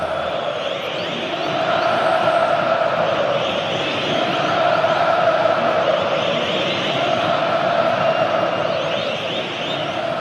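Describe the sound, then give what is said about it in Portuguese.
A packed football stadium crowd of Corinthians supporters roars and chants continuously in the arena as Corinthians wins a corner kick on the right, a dense wall of massed voices that swells slightly midway and stays loud throughout. “Na pontada pela direita, o Corinthians ganha o escanteio, já é o suficiente para incendiar a arena. Torcida vem junto, a arena pulsa.”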